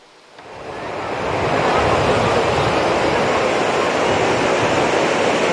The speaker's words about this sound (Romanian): Ei, avem valuri foarte mari. Turiștii nu prea au voie de loc în apă. Furtuna a modificat curenții din mare, așa că salvamarii au fost nevoiți să arboreze steagul roșu.